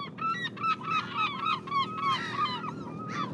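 Seagulls following a boat at the site of a war grave call over one another in a steady, busy chorus of harsh, nasal cries, each rising and falling in pitch, with no pause and no voices.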